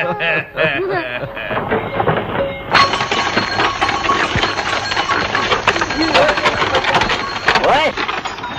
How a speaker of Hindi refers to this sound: चलो चलो चलो, उतरो बच्चों, जल्दी करो, गाड़ी आने ही वाली है। उतरो उतरो।